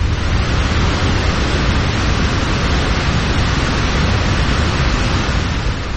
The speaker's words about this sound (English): The Spokane River cuts through the town, and it descends as a massive waterfall.